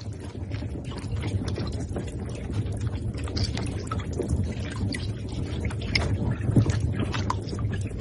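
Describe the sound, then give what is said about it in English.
Baby giant Amazon river turtles swimming together make scattered, faint clicking calls, heard as brief irregular ticks under a steady low watery rumble, with no voices. “Those clicks you've just heard were calls made by baby giant Amazon river turtles swimming together and vocalizing.”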